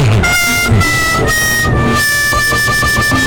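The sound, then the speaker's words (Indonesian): A loud truck horn honks in long, sustained blasts broken by a few brief gaps, its blaring tone filling the whole moment with no one speaking. “Dari tadi, truk saya tuh glinding. Tapi kok nggak sampai-sampai ya?”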